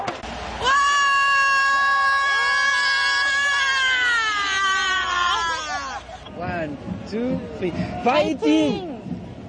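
A loud, close fan scream holds a high, wavering pitch for about five seconds, then breaks into a string of shorter excited shrieks and cheering cries.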